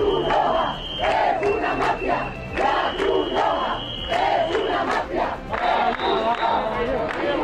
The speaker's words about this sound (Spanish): La Cruz Roja es una mafia, invasores, expulsión o Pedro Sánchez, hijo de puta. Estos son algunos de los cánticos que se están escuchando en estas protestas